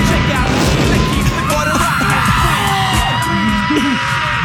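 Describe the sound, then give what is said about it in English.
Loud, real explosions boom outside the Garden during riots, through a dense, roaring wall of noise while a crowd screams, yells and whoops, the blasts and shouting overlapping continuously from start to finish. “We might have added the screams, but the explosions were actually real.”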